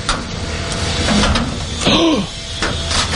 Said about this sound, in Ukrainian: Просто під під'їздом вхід у бомбосховище. Двері відчиняє комбінація цифр.